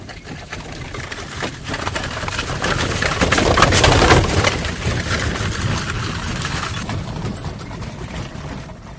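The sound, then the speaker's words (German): A horse-drawn cart rattles past on a quiet country road with steady clattering hooves and creaking wooden wheels, the busy rumble swelling to its loudest midway before easing off. No voices. “Nur hin und wieder hört man ein Pferdefuhrwerk.”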